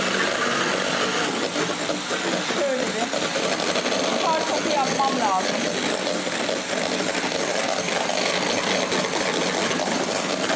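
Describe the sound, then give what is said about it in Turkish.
An electric mixer whirs steadily for the whole stretch, a constant buzzing drone as food is whipped into froth before any salt is added, with a voice briefly talking over it partway through. “Ben biraz bunu köpürteceğim.”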